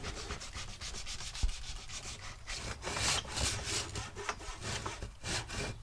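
A hand saw rasps steadily through wood in repeated back-and-forth strokes, continuing from an existing notch along a marked line toward the end of the wood; the gritty scraping rises and falls in an even rhythm with no one speaking.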